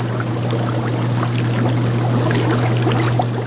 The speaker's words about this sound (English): In their seaside lab, scientists at the University of Alaska Fairbanks dote on bubbling tanks of kelp, oysters, and baby abalone. It's a very relaxing noise. It really is. Relaxing place to be here, yeah.